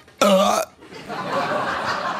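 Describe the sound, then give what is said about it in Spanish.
A voice imitates a single violent hiccup from an incredibly strong hiccup attack, a loud, abrupt, strained gulp lasting about half a second, followed by softer breathy murmuring and laughter. “Y el pobre vino con un ataque de hipo increíble.”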